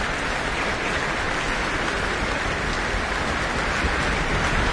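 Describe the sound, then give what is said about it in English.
Sustained, dense applause from a large concert audience acknowledging the orchestra's trombones, a steady wash of clapping that stays loud and even throughout with no voices breaking through. “A big applause for the trombones from the audience.”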